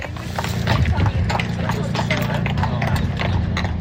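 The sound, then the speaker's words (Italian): Horse hooves clip-clop on a paved road in a steady, repeated rhythm, clear, over a low rumble with indistinct voices in the background, in the area of the Pontresina station where horses come and go constantly. “Nella zona della stazione di Puntresina il via vai di cavalli è costante e all'imbocco della strada per la Val Roseci abbiamo incontrato diverse persone in attesa delle carrozze.”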